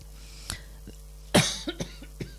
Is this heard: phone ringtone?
no